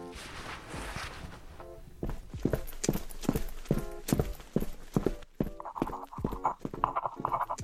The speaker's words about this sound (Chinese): 好熟悉的脚步声